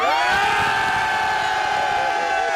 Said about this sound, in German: Aber ich zeige euch mal, wie gut dieser Chor hier schon klingt in Obersontheim. Jetzt zeige ich euch, wie sie noch klingen können. Und jetzt dürft ihr einmal ganz laut schreien.